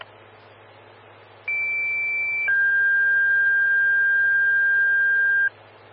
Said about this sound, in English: Evergreen Fire, Station 3, Engine 133, Engine 131. Stand by for tones on a CO alarm.